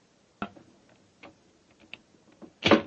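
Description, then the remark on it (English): A few sharp metallic clicks and small rattles of a skeleton key working a locked door's lock, spaced irregularly, followed by a louder, rougher burst as the door is pushed open; no voices. “Yes, but I think a skeleton key will do the trick.”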